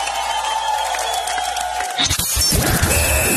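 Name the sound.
round of applause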